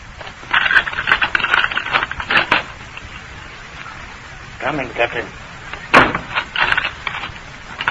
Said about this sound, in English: All right. I'll unlock the door.